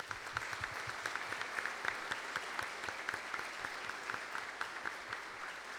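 An audience in a parish church on a Sunday morning applauds the children steadily. Many hands clap in a dense, even patter of sharp bursts that holds at a moderate level throughout, with no voices on top.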